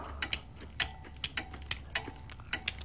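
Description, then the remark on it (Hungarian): Small metal parts of a lighter click and snap as someone repairs it, a series of sharp ticks at uneven intervals over a faint low hum, with no voices. “Az öngyújtónak a rugó a veséje.”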